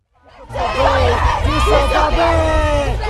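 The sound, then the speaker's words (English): Protesters from a Russian punk protest group and a Ukrainian activist group, dressed in black with pink balaclavas, scream "Russia kills the Biennale exhibits" together at the Russian pavilion of the Venice Biennale. Their overlapping shouted voices rise sharply, then hold a continuous, strained chant over a low rumbling background. “They punched the air and screamed, "Russia kills the Biennale exhibits."”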